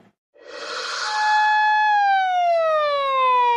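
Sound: sirens blaring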